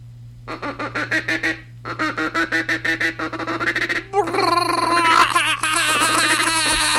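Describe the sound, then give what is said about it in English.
A duck call blown loud in a feed call: two bursts of rapid, evenly spaced quacking notes, then a denser, faster run of chattering notes, over a faint steady hum. “Now the feed calls.”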